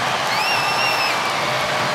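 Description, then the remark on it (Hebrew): A large stadium crowd at a football match roars steadily, mixing booing whistles with cheers during a player substitution as Toney comes off, while a shrill sustained whistle cuts through for about a second before the loud din carries on. “תשמע, יש פה שילוב של שריקות בוז ועידוד.”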